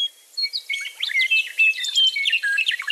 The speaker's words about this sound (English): got together to design a bird song, that's what they would write.